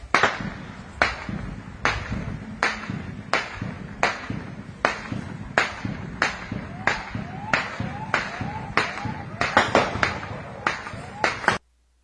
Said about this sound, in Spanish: Bueno, estos son algunos de los balazos que se escuchan, pero dentro de, creo que es una bodega o una escuela, hay gente que está pidiendo ayuda.